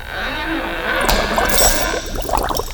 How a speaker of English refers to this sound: Oh yeah, pretty similar, but of course you get all the bubbling sounds, so that would have given it away if I'd used that one.